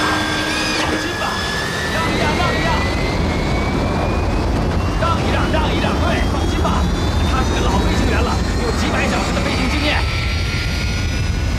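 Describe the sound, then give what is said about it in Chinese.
A military jet engine roars loudly and steadily as a borrowed federal agents' plane takes off, flown by a pilot who had not flown for over ten years, its high-pitched whine climbing in pitch throughout, with indistinct voices faintly mixed beneath the blast. “他起飞的时候向来都是这样的，就像人骑马一样，不会忘掉的。”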